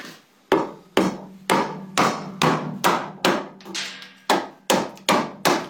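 A very large wooden mallet strikes a skölp (a round gouge) into wood, hollowing out the inside of a wooden lur (horn) carved in two halves. About eleven sharp, loud knocks at a steady pace of nearly two per second, each with a brief ringing tail.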